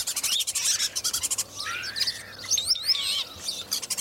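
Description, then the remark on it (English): A starling chatters busily with squeaky whistles, clicks and rising and falling slurred notes, a varied, high-pitched jumble of calls that keeps shifting in tone with no voices present. “I mean, you can almost hear anything from a starling if you listen. Usually lots of squeaks and things like that, but they're quite fantastic vocally.”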